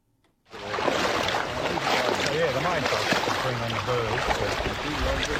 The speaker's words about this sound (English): With my waders on, I'm trudging through knee-high water in this wetland outside Rushworth in northern Victoria.